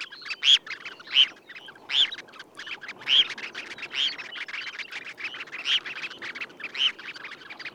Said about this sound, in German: Mein Vogel der Woche, das sehr zarte, sehr unmännliche Thorshühnchen.